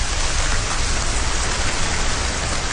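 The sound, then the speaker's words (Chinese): Steady, dense hiss of water spray from high-pressure misting cooling systems spraying from the rooftops of buildings in a residential complex in Yanhu District, Yuncheng, Shanxi Province, China, like heavy rain pattering onto surfaces, continuous and even in loudness throughout with no voices. “随着楼顶的高压雾化喷淋降温系统启动，各楼楼顶同时喷水，宛如鲸鱼喷泉，这一幕 出现在山西省运城市盐湖区的一个住宅小区。”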